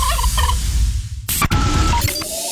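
A turkey gobbles in a loud, rapid burst of warbling calls, followed by a sharp break and a few shorter trailing gobbles, all clear against a low rumbling background.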